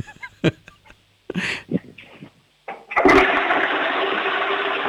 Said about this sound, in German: Wow, ihr habt aber eine laute Klospülung, das gefällt mir, das mag ich.